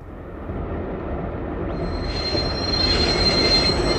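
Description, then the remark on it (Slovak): A train rumbles loudly, then a high, sustained metallic squeal of wheels on rails rises and holds over the heavy low rumble as it brakes. “Vlak.”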